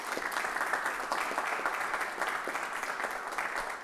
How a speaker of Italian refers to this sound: Intanto le facciamo un applauso.